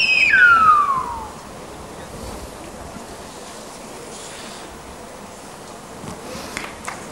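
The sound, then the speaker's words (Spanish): A single loud, piercing whistle in the Silbo Gomero whistled language slides sharply downward at the start, then fades into a steady outdoor hiss with faint scattered noises and no speech. “Vamos a poner sonido escenario. Silbo gomero, que es patrimonio de la UNESCO.”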